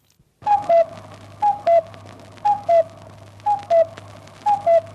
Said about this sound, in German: 21 Luftschutzräume gab es während des Zweiten Weltkriegs in Wien. Sie mussten aufgesucht werden, wenn dieses Signal im Volksempfänger erklang, der sogenannte Kuckuck.